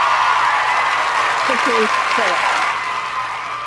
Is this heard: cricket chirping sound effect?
no